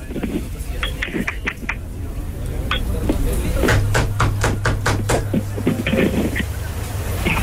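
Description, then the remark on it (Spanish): Someone raps on a door in a quick, steady run of about a dozen sharp knocks, loud and percussive, over a low steady hum and faint background noise, after a few scattered taps. “¿Quién toca la puerta?”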